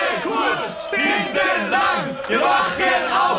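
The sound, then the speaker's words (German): A lively audience at a WorldSkills hairdressing competition cheers and shouts continuously, many voices overlapping in loud, rising yells and whoops with no pause, energetic throughout. “Ja, man merkt, das Publikum ist auch schon aufgewärmt.”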